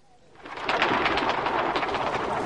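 A sudden rush of many wings as a flock of pigeons takes off, a dense fluttering whoosh that swells within half a second and stays loud and steady, with no voices.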